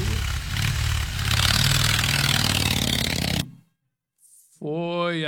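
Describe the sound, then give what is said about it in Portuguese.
A motorcycle roars past with a loud, steady rumbling engine for about three seconds, then cuts off abruptly; after a short pause someone starts speaking. “Foi aí o motoqueiro.”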